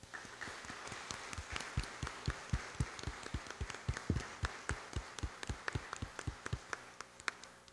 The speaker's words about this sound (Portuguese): Então, uma vez que vocês estão pedindo o batismo, a inserção na vida da comunidade, nós apresentamos para que a comunidade possa acolher, então, estas crianças. E vamos acolhê-las com uma forte salva de palmas.